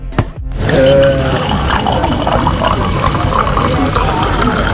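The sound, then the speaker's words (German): Wine pours steadily into a glass for several seconds after a brief clink at the start, at the Schengelmarkt wine festival in Rhineland-Palatinate, Germany, with a bustling crowd murmuring in the background. “Das Einschenken des Weines ist für mich ein ganz klarer Ton des Schengelmarktes, weil Schengelmarkt heißt Gesellschaft, Geselligkeit und da gehört Wein einfach mit dazu.”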